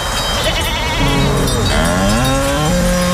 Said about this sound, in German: Kühe. Ziegen, sehr gut. Grashalme im Wind. Klare Bergluft. Wir sind in Südtirol.